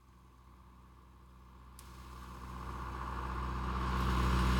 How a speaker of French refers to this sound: Tu crois que c'est lui ? Non, c'est un tracteur.